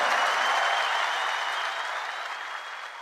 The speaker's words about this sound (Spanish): muchas gracias. Maestro Miguel Botafogo, fuerte el aplauso.